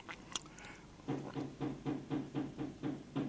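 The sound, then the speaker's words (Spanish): A steady series of about nine firm knocks on a door, evenly spaced, with a brief scuffle of noise just before they begin. “Me están golpeando la puerta.”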